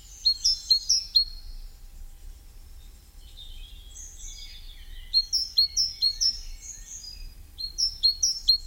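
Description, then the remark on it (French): A great tit sings, repeating quick, bright two-note phrases in rhythmic bursts, with a softer, more scattered twittering in the pauses between songs. “On pense aussi du coup à la maison charbonnière qui s'en sort vachement bien.”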